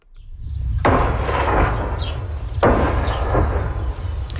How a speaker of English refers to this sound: Explosions in southern Lebanon as Israel continues to target Hezbollah sites today. The strikes come a day after Israeli and Lebanese delegates signed a renewed ceasefire deal in Washington.